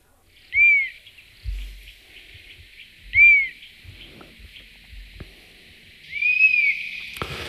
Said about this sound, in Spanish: Estamos escuchando el silbido de un halcón abejero, que es de los más frecuentes que atravesando el estrecho, por lo menos de los más visibles.